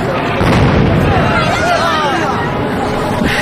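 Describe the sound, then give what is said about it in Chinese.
Heavy, rumbling bomb blasts from a Japanese aircraft air raid on a city wall merge into a continuous loud roar, with a frightened crowd's voices and wavering cries mixed in throughout. “不怕，小鬼子的飞机炸不毁城墙的。”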